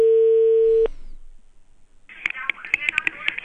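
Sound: telephone dialing tone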